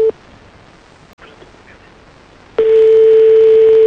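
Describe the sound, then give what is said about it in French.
A short telephone tone blips as a call is placed to the first of a man's two mobile phones, then a quiet hiss lingers before a loud, steady, mid-pitched phone line tone starts and holds to the end. No one speaks. “Ah non, parce qu'il y a deux téléphones, donc on va essayer le premier.”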